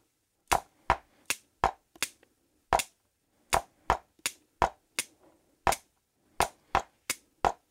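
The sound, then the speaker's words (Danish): Sharp wooden drumstick clicks, about sixteen in all, tapped alone in an uneven, syncopated rhythm where some beats land early or late, with brief pauses breaking the pattern. “For eksempel sådan, der var en lille synkope.”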